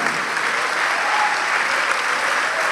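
An audience applauds steadily, a dense, continuous wash of clapping at even loudness for the whole stretch, with no voices standing out.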